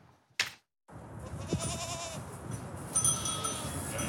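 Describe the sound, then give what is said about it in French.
Sheep and goats bleat repeatedly outdoors, about 40 sheep and 40 goats brought by a shepherd to clear a hectare of green space at a housing estate in Toulon, France. Their wavering cries overlap, with a sharp burst near the start followed by a brief silence. “Pour débroussailler l'hectare d'espace vert de la cité HLM du Missiessi, le bailleur social Toulon Habitat Méditerranée a préféré les bêlements des moutons et chèvres au bruit des tondeuses et tronçonneuses.”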